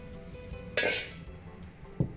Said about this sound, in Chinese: 铺好的猪大肠改滚刀块，另起锅倒入菜籽油、皱皮椒和大肠，同时倒入锅中翻炒。我们在家中准备这些调料，再按屏幕上方的佐料调味，最后改旺火快速翻炒，这样锅气味更足，味道更香。